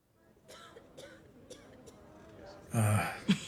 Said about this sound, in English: Her condition is much worse. The coughing, the blood. It's advanced.